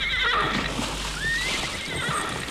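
A horse neighs and whinnies in wavering high-pitched calls over a steady background rush that sounds like moving water.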